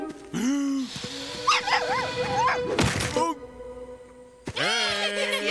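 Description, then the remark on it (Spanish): A small dog yips and whimpers in short, high-pitched bursts, with a few sharp barks and a brief thump in the middle, then a final whiny yelp. “¡Perrito, ven! ¡Vamos! ¡Silencio!”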